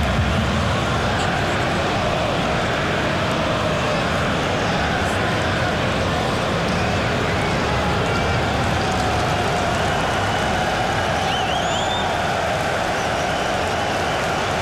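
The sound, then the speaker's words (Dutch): A crowd applauds and jeers, dense, steady clapping mixed with loud shouts and whistles, sustained without a break for about fifteen seconds. “U hoort applaus, u hoort gejoel.”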